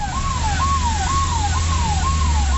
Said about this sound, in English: An ambulance races to the site of the blast.